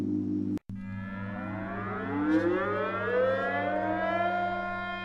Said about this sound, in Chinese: 沈阳全城拉响防空警报，火车、轮船、汽车鸣笛。